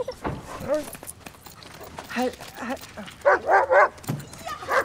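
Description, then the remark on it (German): A dog barks a few times in short, sharp bursts, fairly loud, with a couple of yelps toward the end amid other shuffling sounds. “Der beste Menschenkenner ist der Hund. Braver Junge.”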